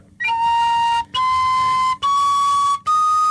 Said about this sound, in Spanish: yo solo con una mano, poniendo los dedos y utilizando la presión del aire a la hora de soplar, puedo hacer la pequeña escala musical, ¿no? Solo decir, con los tres agujeros. Yo soplo y voy destapando esos tres agujeros.